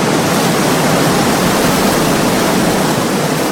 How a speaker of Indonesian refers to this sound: Derasnya air Sungai Serayu terdengar tidak jauh dari Waduk Merica, Banjarnegara yang mempunyai luas 1.250 hektar.